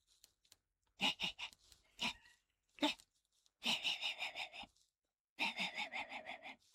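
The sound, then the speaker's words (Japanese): A person mimics a small dog yapping in the distance, as heard late at night in a residential neighborhood: short breathy bursts, first a few quick separate yips, then two rapid strings of thin, repeated barks with pauses between. “これはね、深夜に住宅街で遠くから聞こえる、小型犬と大型犬っていうネタがあるんですけど、”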